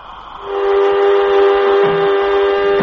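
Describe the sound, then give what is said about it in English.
An airlock filling with air: a loud, steady whistling rush swells up within half a second, then holds with a strong sustained tone and hissing overtones, no voices. “Airlock, contact. As she begins to fill up, we should hear it.”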